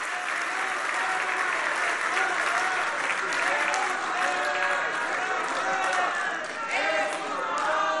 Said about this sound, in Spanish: Un aplauso al presidente López Obrador, que está allá en Palenque escribiendo su libro.